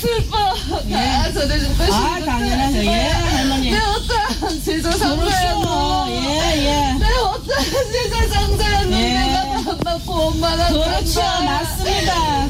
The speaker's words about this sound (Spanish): ¿Pues está riendo o está llorando? Está llorando. Bueno, está ahora llorando.